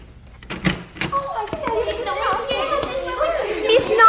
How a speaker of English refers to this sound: The second door. Here? Yes. Here, let me open it.